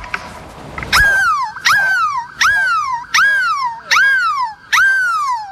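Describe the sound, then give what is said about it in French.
A person imitates a seagull at Place de la République in Lille, billed as the world's biggest seagull cry: six loud, high, wailing cries in steady succession, each swooping sharply up and then sliding downward, with strong harmonics and brief pauses between them. “Et aujourd'hui, le plus grand cri de mouette au monde va vous réveiller.”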